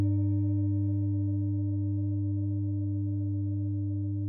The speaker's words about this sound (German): Und trotzdem, dieser Klang von den Klangschalen, dieses tiefe Vibrieren.